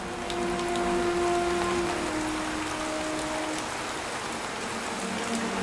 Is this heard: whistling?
no